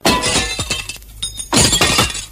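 Glass shattering in two loud, crashing bursts as someone walks through a glass window pane polished with Clarisol: a sharp break, a short lull, then a second spill of breaking glass with clinking shards. No one speaks.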